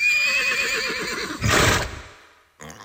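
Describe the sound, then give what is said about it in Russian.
A horse, Veterok, being led to its stall gives a loud, quavering whinny that trails into a breathy snort, followed by a brief rustling thump after a short pause. “А я пока пойду ветерка в стойло отведу.”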